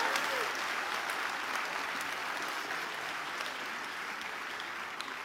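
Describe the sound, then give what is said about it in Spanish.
Steady applause from a church audience during a sermon, a dense wash of many hands clapping at an even level for several seconds with no voices standing out. “Ah, sí, va a aplaudir, aplauda, venga.”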